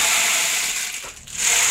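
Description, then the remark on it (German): A rainmaker-like percussion instrument sounds a dense, hissing rattle of tiny granular clicks, steady and bright, dipping briefly near the end before swelling back. No voices are heard. “Ja, es ist eigentlich ein Percussion-Instrument. Das kann man auch kombinieren. Genau. Wow. Klingt wie ein Regenmacher, so ähnlich ist es auch.”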